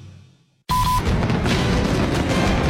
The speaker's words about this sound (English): the sky will ignite with a breathtaking, spectacular fireworks display over the water. It is a spectacular celebration of American freedom you simply cannot miss. Come join us on July 3rd for fireworks on the lake at Eunice Landing in Kearney.